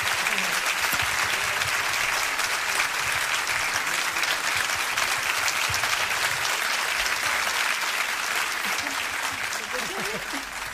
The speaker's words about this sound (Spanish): Muchas gracias. Fuerte el aplauso.